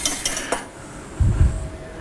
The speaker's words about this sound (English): All right. So a little bit more of this beautiful porterhouse. So dice that into some little cubes.